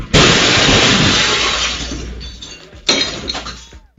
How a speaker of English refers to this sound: That was ESPN 730. That was Charlotte Radio. They had one of those studios in downtown Charlotte. On the street level. And a car just crashed into it.